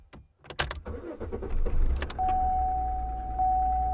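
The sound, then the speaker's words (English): A few clicks and rattles, then a car engine cranks and catches, settling into a steady low idle while a sustained electronic warning tone sounds over it. “You start the car and some little light pops up on the dashboard.”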